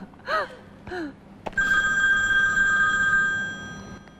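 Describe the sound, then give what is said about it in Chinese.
A telephone rings loudly, a steady electronic tone sustained for about two seconds, following a sharp click and two brief rising vocal exclamations. “哎，这谁给我打电话？”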